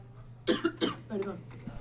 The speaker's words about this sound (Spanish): Oye, qué fuerza de tos tienes, ¿eh?